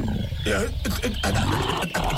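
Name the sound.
bear growling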